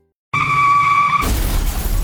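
A loud, sustained tire screech lasting about a second, followed abruptly by a crashing impact with broad noise and debris clatter, a car skidding and then colliding after being driven too fast.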